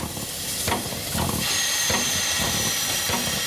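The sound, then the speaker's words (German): A steam locomotive pulling a special train into the station at Bayreuth hisses loudly and steadily, with rhythmic chuffing bursts about every half second as it rolls in, no voices present. “Ein Sonderzug fährt ein. Im Bahnhof von Bayreuth herrscht reges Treiben.”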